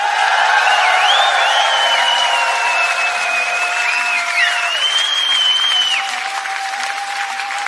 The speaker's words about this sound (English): So how about a big scream for Würzburg?